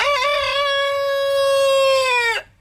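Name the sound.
rooster crowing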